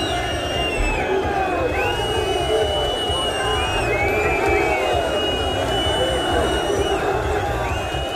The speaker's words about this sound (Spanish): Miles de aficionados se concentraron a la salida del estadio para protestar contra la directiva